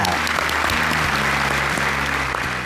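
A large audience applauds steadily and loudly after a paper-tearing art demonstration, a dense wash of clapping that holds without pause from start to finish, with a low musical drone faintly underneath.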